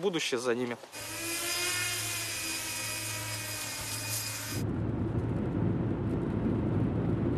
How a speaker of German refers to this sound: Wie findest du die Steuerungselemente? Die Steuerung fühlt sich gewohnt gut an. Es ist eine gute Arbeitsdrohne.